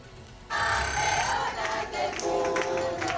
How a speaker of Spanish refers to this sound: La selección española de gimnasia rítmica aterriza en Madrid entre aplausos, banderas y gritos de campeonas del mundo tras hacer historia en el Mundial de Frankfurt y conseguir el oro en el concurso completo y plata en el mixto.